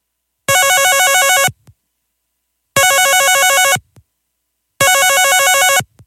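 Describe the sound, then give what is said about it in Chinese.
A phone rings out three times on an outgoing call to a number written on a note, each trill-like electronic burst lasting about a second with pauses between, loud with no voices. “佢就按住个电话号码打过去啦。”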